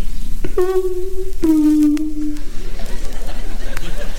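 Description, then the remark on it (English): A voice imitates a house doorbell with two long, sustained sung tones, the second slightly lower than the first, followed by a low murmur of crowd noise. “One night, the doorbell rang.”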